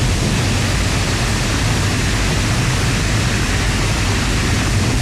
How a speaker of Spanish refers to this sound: Las compuertas de la captación fueron abiertas para permitir el paso del agua, y los efectos se sintieron metros abajo, con un fuerte caudal.